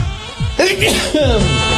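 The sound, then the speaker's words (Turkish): A loud sneeze bursts out sharply, followed about half a second later by a second voiced, sneeze-like burst, with no talking around it. “Çok yaşa”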